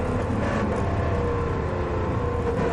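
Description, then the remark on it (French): The gearbox of a stricken Aston Martin race car of the Heart of Racing team, number 27 in the LMGT3 class, stopped with its engine still running, gives off a steady, fairly loud mechanical drone and grind, with layered low tones running unbroken for the whole stretch and no voices over it. “Plutôt boîte de vitesse au bruit.”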